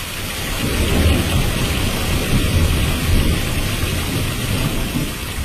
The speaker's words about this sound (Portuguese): Oh, a chuva estava ali, caindo, caindo, muita chuva, muita chuva, muita chuva.